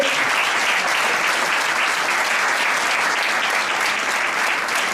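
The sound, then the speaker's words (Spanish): An audience applauds steadily for several seconds after hearing that a youth football tournament reached 150 registered teams this year, a dense, loud wash of clapping hands that stays even throughout with no voices standing out. “De hecho, este año alcanzamos los 150 equipos inscritos, que creo que se merece otro aplauso.”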